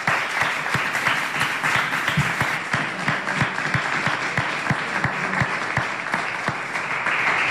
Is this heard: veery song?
no